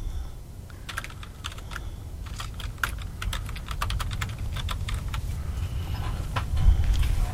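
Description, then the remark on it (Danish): Rapid, irregular clicking of someone typing on a computer keyboard, fairly clear, with a steady low rumble underneath and no talking. “Jeg skriver lige, og så...”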